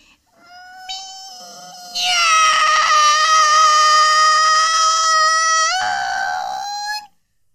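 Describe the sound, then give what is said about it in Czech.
A person imitates a cat with one long, drawn-out, high-pitched meow. It starts softly, swells loud and steady for several seconds, then rises in pitch and cuts off, with no other sounds. “Tak, kolínka pokrčená a už mňoukám.”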